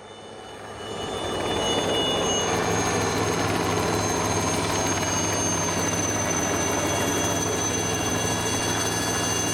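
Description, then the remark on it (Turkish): Rotor and engine noise swells within the first two seconds, then holds as a loud, steady mechanical roar with a whining high tone as a fleet of helicopters lifts off in fine weather in Hong Kong for tower construction work. No one speaks. “3 Liner helikopterlerinden oluşan bir filo havalanıyor.”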